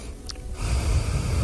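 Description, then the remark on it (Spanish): A man breathes audibly into a microphone, a brief quiet pause followed by a sustained, breathy inhale or exhale with low rumbling air noise; no talking. “Quiero oír tu respiración, ¿eh? ¿Cómo es la tuya?”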